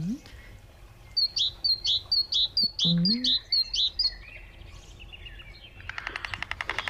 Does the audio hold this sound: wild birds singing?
yes